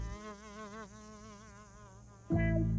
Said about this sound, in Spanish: Escuchen. ¿Es un tren? No, es solo una mosca.